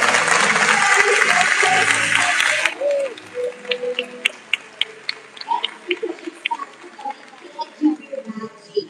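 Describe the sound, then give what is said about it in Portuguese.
A crowd applauds loudly for about three seconds, then the clapping suddenly thins to scattered individual claps while voices murmur underneath. “Então eu quero pedir uma salva de palmas para você que veio. Palmas para você.”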